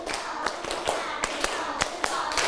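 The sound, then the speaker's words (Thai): Schoolchildren clap one counted set of quick, sharp, crisp hand claps, roughly nine in a loose, slightly uneven rhythm, as a class attention exercise, over a steady hiss of background noise, with no clear talking. “ปรบมือ1ชุด1ชุดก่อนนะตั้งสติปรบมือ1ชุด”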